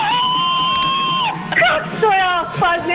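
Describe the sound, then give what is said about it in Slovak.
A crowd cheers and whoops with joy over prize winnings, a long sustained high shout followed by overlapping excited yells and rising whoops, loud and energetic throughout. “A takto radosť z našich výhier.”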